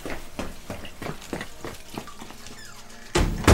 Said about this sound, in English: Aye, did you just shut that door with your foot? No. You did? I didn't, Dad. Not hold me foot, just me toe, that's all.